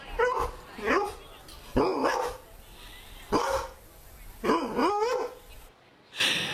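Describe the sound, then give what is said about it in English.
A dog named Jonta barks repeatedly in short, loud bursts, about five barks spaced roughly a second apart, some with a yelping, whiny edge. “Do you reckon dog lovers can tell which breed of dog it is from their bark?”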